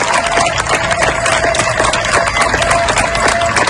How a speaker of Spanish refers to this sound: Estos aplausos que escuchas son de los vecinos de Niebla, en Huelva, para despedir a los miembros de la UME que han trabajado durante días para lograr controlar el fuego que ha afectado a más de 33.000 hectáreas.